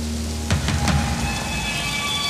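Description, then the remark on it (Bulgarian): Steady rain hisses evenly throughout, with a few sharper patters and drips near the start over a faint low hum. No voices are heard. “Разбира се, че вали.”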